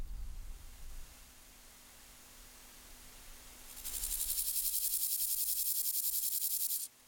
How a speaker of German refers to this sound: Und nur noch das Zirpen der Heuschrecken wird die Luft hier erfüllen, wenn die Nacht über das Tempelhofer Feld hereinbricht.